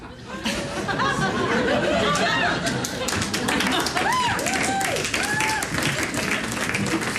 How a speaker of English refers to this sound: applause for that.